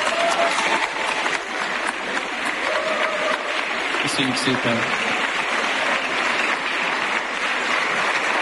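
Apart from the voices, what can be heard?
audience applause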